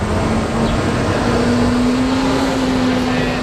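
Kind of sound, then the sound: vehicle, city street traffic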